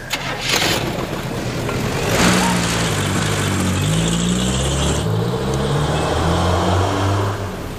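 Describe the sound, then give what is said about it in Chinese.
A car engine starts and revs, then the car drives off to the Railway Hotel with a steady low rumble and shifting pitch as it accelerates. No voices are heard over it. “开车，铁路宾馆。”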